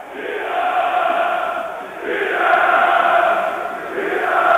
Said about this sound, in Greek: Η μπάλα περνάει από όλους στην αγκαλιά του Αθανασιάδη, υπό τα χειροκροτήματα και τις επιθυμίες των φιλάθλων του Ηρακλή.